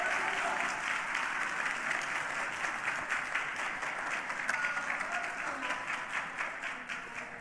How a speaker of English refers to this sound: Come on, clap your hands and bless the name of the Lord.